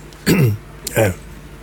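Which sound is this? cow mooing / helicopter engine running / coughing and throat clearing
coughing and throat clearing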